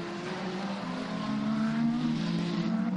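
Steady, sustained engine drone with layered harmonic tones that rise slightly in pitch, from four race cars at speed, including Raffaele Marciello, Rast, Fourcault and Earl Bamber, battling for fourth place after nearly six hours of racing. Fairly loud and continuous with no voices.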